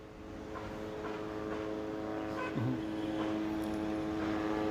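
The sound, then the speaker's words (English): A steady, droning hum of military drones hovering overhead over the western part of Gaza City, with a buzzing propeller tone that holds constant throughout, persistent and unbroken. “Well, let me just point out that the drones are still hovering in the area, covering the western part of Gaza City and toward the side where the residential building was attacked earlier this morning”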